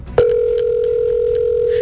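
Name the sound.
phone ringback tone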